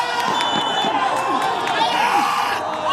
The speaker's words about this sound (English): I'm at a match for a local league, the Iraqi Qaldin League. It's the first game of the summer, and things are getting heated. One of the goalies is yelling so much, you'd think this was an actual World Cup match.